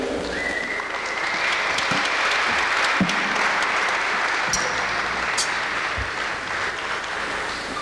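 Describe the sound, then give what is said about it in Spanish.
A concert audience claps steadily for several seconds for trumpeter Gerardo Vanegas, a guest called onto the stage, a dense, even wash of many hands at a constant loudness, with a brief high whistle or cheer rising early on. “Un aplauso, por favor, para Gerardo Vanegas en la trompeta.”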